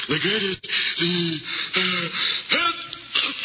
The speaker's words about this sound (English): Gesundheit. Thank you.